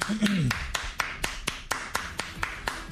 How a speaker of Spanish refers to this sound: Déjale aplauso.